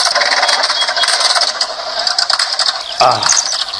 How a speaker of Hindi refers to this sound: अच्छा ठीक है, इधर कौन आ रहा है मोटरसाइकिल से? इधर ही आ रहा है। हाँ मुझे भी ऐसा ही लगता है।